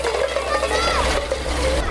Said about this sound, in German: Genau, zweites Rohr Wassermarsch. Ne? Und jetzt aufdrehen. Weiter. Genau.